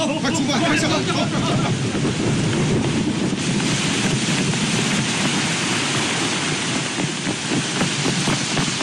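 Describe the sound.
Heavy rain pours down in a loud, unbroken roar for the whole stretch, a dense hiss with a low rumble underneath and faint voices half-buried in the downpour, during a disaster-prevention evacuation.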